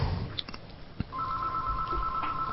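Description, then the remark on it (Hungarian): A telephone ringing: after a soft click, a steady electronic ring tone sounds continuously and clearly over faint background noise with no one talking. “telefonálunk.”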